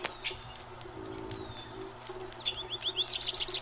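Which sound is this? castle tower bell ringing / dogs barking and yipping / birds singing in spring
birds singing in spring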